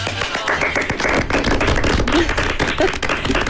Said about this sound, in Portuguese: Forte aplauso para o elenco do musical O Fantástico Senhor Walk.